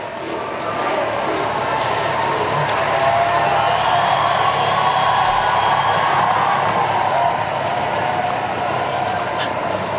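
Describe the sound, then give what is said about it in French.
A dense, steady roar of a very large crowd near the cathedral in Metz fills the whole stretch, many voices blending into a loud continuous wash with occasional rises, shouting thanks as the Pope travels through the streets to leave. “Et encore une foule assez nombreuse, très nombreuse, eh bien, est dans les abords de la cathédrale et qui crie encore merci.”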